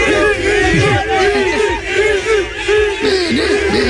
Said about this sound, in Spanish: Es verdad que a pesar de todo este incidente, de todo este lío, de toda esta tangana que se montó, los aficionados madridistas ovacionaron a Vinicius cuando abandonaba el Bernabéu en su coche.